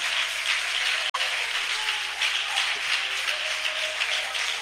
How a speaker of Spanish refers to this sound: Dele un aplauso fuerte, fuerte, fuerte a Dios.